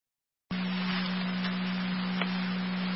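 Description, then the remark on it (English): A radio dispatch alert tone cuts in abruptly after a brief silence and holds steady and loud, a continuous low-pitched drone riding over a hiss of radio static. “All sound tones?”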